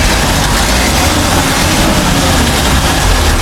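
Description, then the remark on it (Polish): The engine of a vintage SAN bus runs steadily, a loud, continuous low rumble with a broad rough noise on top and no break in the drone, with no one speaking. “Będzie okazja przejechać się zabytkowym autobusem SAN.”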